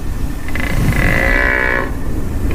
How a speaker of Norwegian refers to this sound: Ja, lige nu der går de danske kronhjorte altså rundt og brøler ude i de danske skove for ligesom at imponere hunderne. Og det er jo ret cute i sig selv, indtil at de her hanner, de åbenbart kan blive sådan ret aggressive.